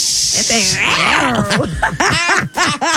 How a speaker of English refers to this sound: It's no nice little purrs to it, is there? It's an angry little cat right now. Yeah, jungle cat.